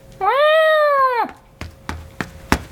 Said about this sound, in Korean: 현우의 어깨 위로 올라온 도련님이 큰 소리로 야옹거렸다.